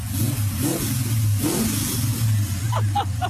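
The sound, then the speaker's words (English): A car engine rumbles steadily at low pitch, swelling in a few short revs, outside the front of a radio studio, with a continuous mechanical drone throughout. “that is a very good-looking car out the front of ABC Gippsland, revving just for you”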